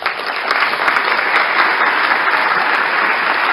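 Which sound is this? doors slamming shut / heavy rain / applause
applause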